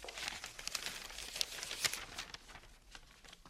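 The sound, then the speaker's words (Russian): A paper letter is unfolded, a run of dry crinkles and crisp rustling snaps that taper off into softer handling over a few seconds, with no one speaking. “Весь секрет вот в этом письме.”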